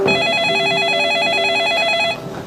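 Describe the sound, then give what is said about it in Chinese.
A telephone rings steadily with a warbling electronic trill, loud, sounding alone for about two seconds before cutting off; it is an expected incoming call. “爸，我去接个电话。”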